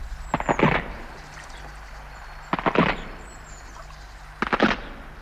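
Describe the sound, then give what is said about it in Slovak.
Wood cracks and splinters in three separate bursts as a footbridge breaks, each a quick cluster of sharp snaps, spaced a couple of seconds apart over a low, steady hum. “Aj to praskanie lávky, čo sa po tebou zlomila, sa nám zdá zíde.”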